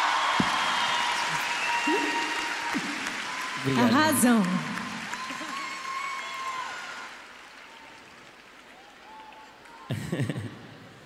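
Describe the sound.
An audience applauds steadily, a dense wash of clapping with some cheering, while voices speak briefly over it; the applause thins out toward the end.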